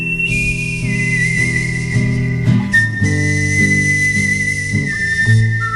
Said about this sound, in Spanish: hoy está en Días de Verano este señor, este que está tocando la guitarra ahora y que silba así.